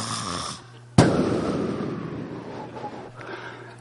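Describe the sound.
A voice imitates a bedfellow's snoring: a brief rasping intake, then a sudden loud, sputtering snort that bursts out and trails off into a noisy, rumbling exhale, alone.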